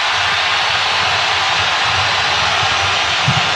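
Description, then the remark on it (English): Colombian fans at a football match roar loudly and steadily in the second half, a dense, unbroken wash of cheering noise that holds at full strength throughout with no clear voices standing out. “And that's the loudest roar we've had from the Colombian fans in the second half.”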